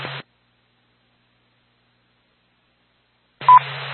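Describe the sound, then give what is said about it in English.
A short, bright dispatch alert tone beeps through hissy radio static, preceded by an earlier brief burst of static and a stretch of silence; no one speaks. “Do you need a second tone?”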